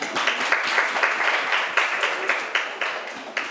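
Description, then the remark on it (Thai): A group of children applauding together in a classroom, at the teacher's request, to thank an educational video. A dense, steady patter of many hands clapping at once, fairly loud, with no talking over it. “เดี๋ยวขอบคุณสื่อวิดีทัศน์ดีๆสำหรับเพื่อการศึกษาในวันนี้นะคะปรบมือด้วยนะคะลูก”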